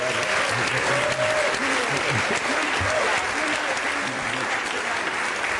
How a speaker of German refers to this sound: Ihr Applaus für Timo Wopp, da ist er hoffentlich.